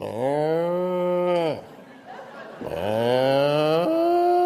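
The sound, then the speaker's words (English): A calf bawls twice among cattle, each call a long, loud, rising cry lasting over a second, separated by a brief quieter pause, with no one talking. “And there goes that calf.”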